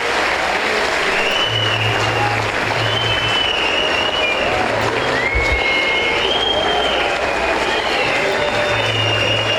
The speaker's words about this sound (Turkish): Ama öncelikle sizlerden, başta Okan hocamız olmak üzere, teknik ekibimize, futbolcu kardeşlerimize ve tüm çalışanlarımıza güçlü bir alkış göndermenizi rica ediyorum.